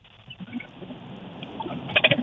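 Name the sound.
boat moving through water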